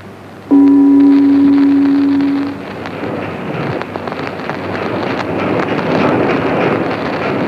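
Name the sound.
boat travelling on water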